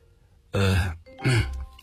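A man on a phone call clears his throat with two short, deliberate coughs, fairly loud, separated by a brief pause, with nothing else sounding.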